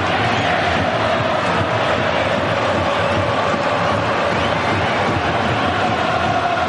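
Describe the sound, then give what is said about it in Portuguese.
Japanese football fans in a stadium sing and chant without pause during a Japan versus Brazil match, a loud, dense, steady roar with a faint melodic hum running through it and no break for its whole length. “A torcida japonesa também não para de cantar.”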